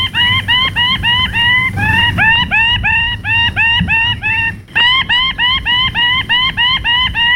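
A male bird shrieks over and over during his courtship dance on a tree branch, throwing his ruby plumes above his head, in a fast, steady run of loud, harsh calls, about three each second, above a low rumbling background with no talking.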